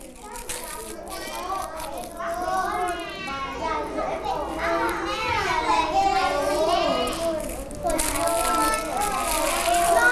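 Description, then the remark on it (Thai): A crowd of children chattering and shouting all at once while doing art, a loud, steady babble of overlapping high voices with occasional squeals, like a noisy classroom. “เวลาที่เด็กๆทำศิลปะเด็กๆจะเสียงดังอย่างนี้ได้ไหมเพราะอะไร”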